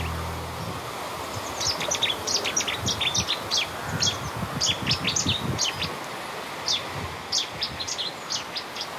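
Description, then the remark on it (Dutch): A Cetti's warbler sings in a small wood at the end of a street in Koudum, Friesland, its loud, abrupt bursts of sharp chirping notes repeating rapidly for several seconds over a low, steady rumble of outdoor background noise. “heeft haar eerste ontmoeting met de Settische zanger.”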